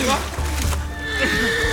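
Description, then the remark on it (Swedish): A horse caught in a river's current neighs in distress, a loud, shrill whinny that rises and wavers for a couple of seconds over a dense, noisy background. “Hästen, Jonathan! Du måste rädda hästen!”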